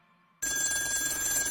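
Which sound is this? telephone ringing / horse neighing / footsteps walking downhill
telephone ringing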